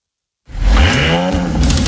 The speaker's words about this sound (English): If you know, you know. The Audi roar. The feeling of being fast and free.